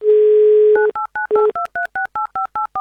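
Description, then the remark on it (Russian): A steady dial tone gives way to a quick, even run of about ten beeping touch-tone keypresses as a listener's phone number in the Chelyabinsk region is dialed live for Avtoradio's game "Mnogo deneg", with the dial tone briefly returning partway through. “Все, звоним.”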